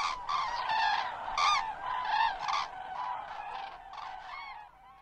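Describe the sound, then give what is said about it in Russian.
A flock of cranes calling three times, with loud, overlapping trumpeting cries rising and falling in a steady chorus for several seconds, tapering off at the end. No one speaks. “И журавли прокричали три раза не как утром «Победа», а похоже на «Спите, но помните, мы вас всех скоро разбудим, разбудим, разбудим».”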